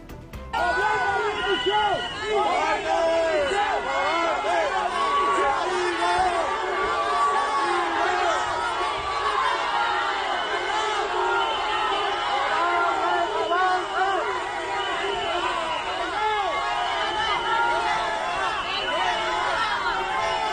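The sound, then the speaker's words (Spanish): A dense crowd in Ceuta shouts and jeers continuously at minister Grande Marlaska, many voices overlapping in a loud, angry roar with insults and cries of "coward", "traitor" and "resign", with occasional shrill whistles cutting through the din. “Comenzamos con la información de este viernes 14 de agosto contándoles que el ministro Grande Marlaska fue recibido en Ceuta con pitadas, insultos y gritos de cobarde, traidor y dimisión.”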